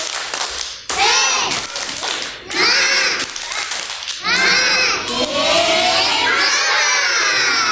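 A group of children perform the 'Tepuk Semangat' clapping song, shouting loudly together in rhythmic bursts, their voices rising and falling in a chant-like pattern, with clapping mixed in.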